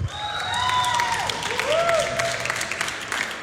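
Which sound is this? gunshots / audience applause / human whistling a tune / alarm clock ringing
audience applause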